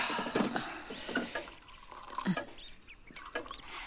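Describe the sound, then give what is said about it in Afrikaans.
Apple juice is poured into glasses with short splashy gurgles and a few drips, a couple of separate pours in quick succession, fairly quiet and with no voices. “Kom sit nou eers, ek skink vir ons appelsap.”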